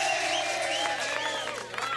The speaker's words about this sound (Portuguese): Eu vou mandar os aplausos aqui pra ela, né?